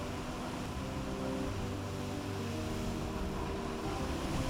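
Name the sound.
sea waves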